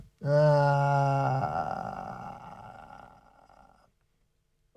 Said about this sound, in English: Oh, there we go with the monkeys, and ….